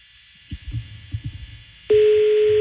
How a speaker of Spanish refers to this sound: Está sonando el teléfono de don Tommy.